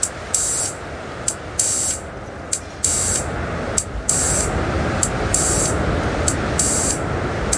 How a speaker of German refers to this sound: Und parallel dazu habe ich mich mit den kleinen Soundgeräten ein bisschen warm gemacht, der im Hintergrund schon laufen hört. Ah, da hören wir den Filter rauschen.